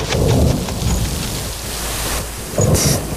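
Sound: rain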